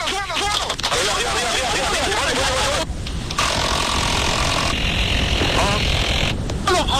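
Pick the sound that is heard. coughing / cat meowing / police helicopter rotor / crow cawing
police helicopter rotor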